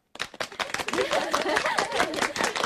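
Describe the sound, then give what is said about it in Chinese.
Warm applause at the 60th anniversary celebration of the Haixia (Strait) women's militia company, welcoming former members back to the unit; it bursts in abruptly and quickly fills out into a dense, steady patter of many hands clapping, staying loud and even to the end. “让我们以热烈的掌声欢迎他们归队。”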